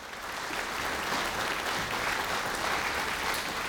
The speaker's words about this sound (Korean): 여러분, 박상진 교수님을 큰 박수로 맞이해주시면 감사하겠습니다.